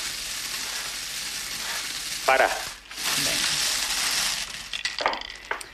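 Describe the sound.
Small lottery balls clatter and rattle continuously inside a spinning drum (bombo) in a prize draw that gives ball number 36, a dense, steady hiss-like churning that dips briefly midway, with a short spoken interjection over it.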